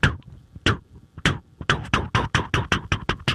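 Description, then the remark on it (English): A voice imitates the thumping of a car's front left, driver's side wheel: a few spaced, breathy thuds that speed up into a quick, steady run of about a dozen even beats, fairly loud, with no other talk. “Oh, no, kind of a thumping.”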